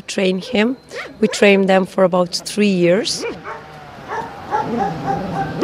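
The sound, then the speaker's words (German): A truffle dog, trained for three years to find wild truffles in Istria, lets out a rapid run of sharp, high-pitched barks and yips, then quiets as a person talks softly underneath. “Dafür braucht man einen Hund und wir trainieren unsere Trüffelhunde 3 Jahre lang.”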